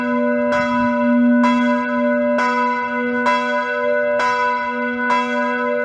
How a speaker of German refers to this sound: Glockengeläut ist zu vernehmen. Feldgottesdienst an der USH.